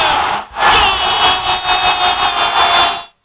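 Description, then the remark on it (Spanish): A huge stadium crowd roars in a loud, sustained wall of cheering and shouting, swelling in waves after a brief dip near the start and holding steady until it cuts off. “me parece que el estadio está rugiendo, la gente tenía ese grito con unas ganas de entragantado.”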